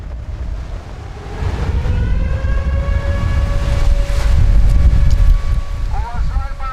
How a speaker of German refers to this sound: Ein stürmischer Tag, aber ansonsten scheint alles ruhig zu sein. Doch dann Luftalarm, mitten am Tag. Offenbar stört das ja niemanden. Der Sound hier in diesem Sommer, Meeresrauschen mit heulender Sirene.